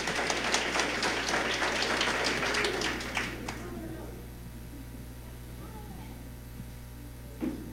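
A church audience bursts into dense, crackling applause for the Lord during a sermon for a few seconds, then the clapping thins out and fades, leaving a low steady hum with a few scattered faint sounds.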